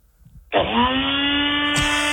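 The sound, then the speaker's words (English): A NutriBullet blender motor kicks on suddenly after a quiet moment and whirs at a steady, loud, high-pitched drone, with a brief clunk near the end; at a caller's home in Selig Beach. “What do you got there, NutriBullet? Yeah, that's the one.”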